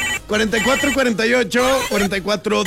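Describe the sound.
A telephone rings in a radio studio booth in repeated bursts of bright, warbling tones, with voices talking over and around the ringing throughout.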